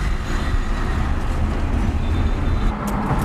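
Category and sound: vehicle, busy road traffic heard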